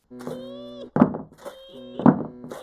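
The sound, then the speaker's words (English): Two heavy, dull knocks on an office door, spaced about a second apart, each a loud thump over a steady humming tone that drones through the background. “There was somebody at the door.”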